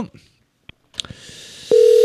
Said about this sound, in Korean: 자, 이제 다음 분은 전화 연결이 바로 됩니다. 자, 들어갑니다.